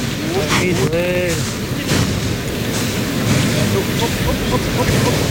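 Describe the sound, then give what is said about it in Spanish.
A bull's heavy, breathy exhalations come in a few rough bursts over a constant wash of crowd noise in a bullring during a bullfight, with a brief wavering shout rising and falling early on. The bull has reached the burladero. “Ahí oímos la respiración del toro.”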